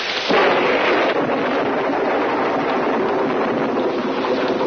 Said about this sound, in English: Are you afraid of thunder? Oh, no. Just the noise.